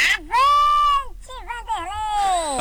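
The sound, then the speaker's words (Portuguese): A shouted war cry rings out loud on the radio show Rancho da Boa: one long, high, sustained yell, then a short break and a series of wavering, warbling shouts trailing into a final drawn-out cry. “traz o grito de guerra”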